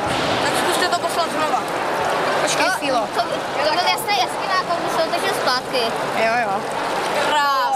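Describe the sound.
Steady rushing of water pouring through a small scaled-down model of a whitewater canoe channel, where visitors move obstacles to change the flow, with occasional splashy surges, while several voices chatter and call out over it throughout.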